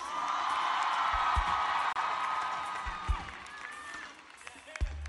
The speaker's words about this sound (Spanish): Fuerte el aplauso para Mr.